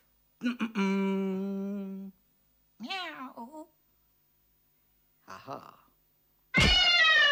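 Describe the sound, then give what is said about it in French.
A person imitates a cat, making four drawn-out meows separated by short pauses: a long steady one, a rising wail, a brief soft mew, then a loud strained yowl. “Oh putain, tu fais super bien le chat.”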